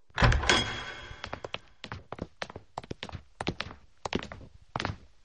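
A door thumps open, then a steady series of hard footsteps follows as young people who were waiting outside the door walk in, each step a distinct knock on a firm floor.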